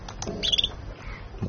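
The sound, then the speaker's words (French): A simple bird trill of the kind females make, played back: a brief, rapid run of high-pitched chirps lasting under a second, fairly soft, over a faint low rumble with no talking. “Et des trilles simples.”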